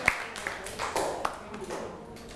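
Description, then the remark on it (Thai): A handful of scattered, uneven hand claps from a small group of students applauding themselves in class, fairly soft and irregular rather than a full round of applause, with faint voices murmuring underneath. “ถ้าไม่มีแสดงว่านักเรียนเก่งมากเลยนะครับปรบมือให้กับตัวเองอีกครั้งหนึ่งนะครับ”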